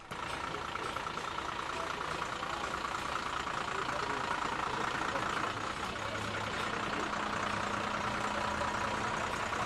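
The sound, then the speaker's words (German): A parade float truck carrying a theatre group from Niederlauterstein idles steadily in a continuous low rumble, mixed with dense outdoor crowd noise and indistinct voices throughout. “Der nächste Wagen mit Theatergruppe aus Niederlauterstein.”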